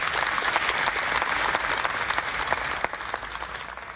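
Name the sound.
audience applause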